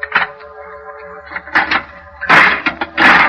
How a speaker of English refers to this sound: I opened the door.